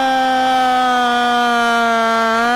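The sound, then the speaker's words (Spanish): A single voice holds a steady sung tone that slowly glides downward in pitch for a couple of seconds, imitating a siren, with no other sounds around it. “Claro, pero el de ella es ascendente, el tuyo es descendente. Me salió medio sirena, ¿viste?”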